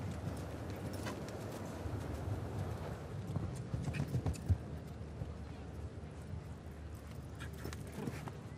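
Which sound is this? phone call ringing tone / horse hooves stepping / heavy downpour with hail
horse hooves stepping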